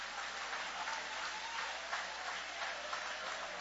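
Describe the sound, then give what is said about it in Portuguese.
An audience applauds the name of God in a steady, dense wash of clapping that holds at an even level throughout, with no voices standing out above it. “Você pode levantar a sua mão para os céus e aplaudir o nome deste Deus que tem este poder de restituir, de restaurar.”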